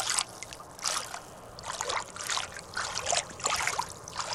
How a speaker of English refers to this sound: So I'm at the rock here in Kamyai. It's looking pretty low. The water's still low from the summer. Gonna just fill the water. See how the water fills?